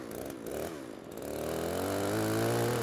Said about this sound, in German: Und da muss man halt nur vorsichtig sein, weil es ist schon eine gefährliche Sache. Er hat eine laufende Kettensäge in der Hand und ich bediene den Trecker und muss sehen, dass ich ihn da vorsichtig rein manövriere.